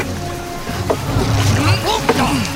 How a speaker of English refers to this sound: If they see us here, we will not be able to get away in time. We have to row away from shore.